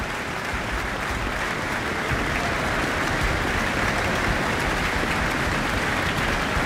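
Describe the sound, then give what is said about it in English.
Sustained audience applause after an encore at a concert, a dense steady wash of many hands clapping at an even loudness throughout, with no voices standing out above it. “back on stage after that encore for yet more applause.”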